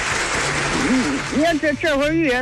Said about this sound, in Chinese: 明白，明白。哎呦，我这可是长知识喽，给您鼓鼓掌啊！